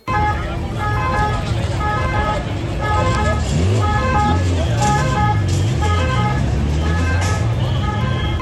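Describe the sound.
Red Cross ambulance sirens sound in a steady repeating high-low pattern, loud and continuous over a dense murmur of crowd voices and road traffic. The ambulances are attending people injured at the Saca bull festival in Soria.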